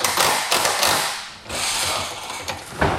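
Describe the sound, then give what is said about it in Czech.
Construction noise of hammers and drills as an outdoor stage is prepared in the baroque garden of Český Krumlov Castle for the Festival Krumlov: a dense, steady mechanical clatter with several sharp knocks rising above it, loud throughout, with no voices. “Místo houslí nebo klavíru se barokní zahradou Českokrumlovského zámku ozývají zvuky kladiv a vrtaček.”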